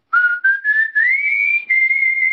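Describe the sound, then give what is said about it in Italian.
A person whistles a short tune, a clear, loud run of connected notes stepping gradually upward in pitch, with no talking over it. “Ha pure il fischio!”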